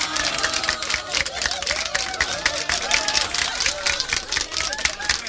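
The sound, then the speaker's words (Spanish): A crowd applauds steadily for about five seconds, a dense, even patter of many hands clapping at once, with faint voices murmuring underneath. “un aplauso. A ver, vamos con ese aplauso.”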